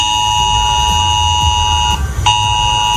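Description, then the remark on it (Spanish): A loud, steady emergency alert tone sounds on the mobile phones of residents of Villanueva de las Cruces, Huelva, a town that had to be evacuated. It drones on with a harsh, buzzy pitch, cuts out briefly near the end, then resumes, over a low rumbling background hum. “Hoy este sonido ha sonado en los teléfonos móviles de los vecinos de la localidad de Villanueva de las Cruces, que ha tenido que ser desalojada.”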